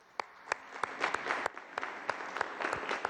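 An audience applauds a family receiving an Infonavit house from the governor, a steady, dense wash of many hands clapping with a few sharper, louder claps standing out at irregular moments; no voices are heard.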